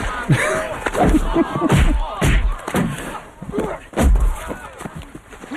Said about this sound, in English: Bob Barker is beating the crap out of Adam Sandler at this point. Over and over and over again.